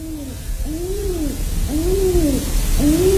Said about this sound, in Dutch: Ik volgde alles wat ze deden. Bijvoorbeeld toen vaderduif de 2 jonkies vanaf de balkonreling aanmoedigde om te vliegen.